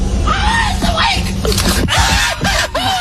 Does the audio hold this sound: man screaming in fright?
yes